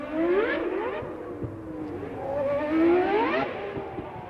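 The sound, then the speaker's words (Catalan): A car engine runs steadily and revs up twice, its pitch climbing and falling in smooth sweeps over a low rumble, with no voices. “Ens posam en situació i entram dins un cotxe, encara que també ens valdria un simulador.”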